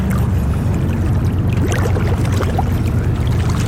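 Steady churning and bubbling water beside a boat as a diver in a red-and-black suit goes under in the lake near Sursee, Lucerne canton, during underwater archaeology at a former pile-dwelling site, with a constant low rumble and scattered gurgling bubbles, no voices.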